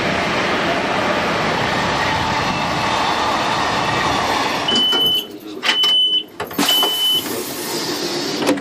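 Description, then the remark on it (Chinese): A train rumbles steadily and loudly, then slows with several short, high-pitched brake squeals and clunks as it arrives at Golmud railway station on the Qinghai–Tibet Railway in China. No one speaks. “4:24的时候呢，我们来到了整个青藏铁路线上非常重要的一个火车站点，就是格尔木火车站。”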